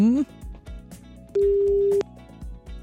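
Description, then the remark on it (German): A single steady burst of an outgoing phone line's ringing tone, lasting about half a second, rising clearly over a soft background music bed, as radio presenters phone a football fan. “Mal gucken, ob er überhaupt ans Telefon geht.”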